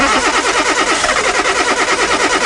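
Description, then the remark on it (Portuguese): A car engine cranks repeatedly without catching, a steady rhythmic churning of the starter motor, loud, with no voices. “Epá, este carro está a dar-me cabo da cabeça. Preciso de peças, revisão, talvez uma bateria.”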